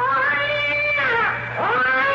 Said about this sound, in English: Cat, you black fiend!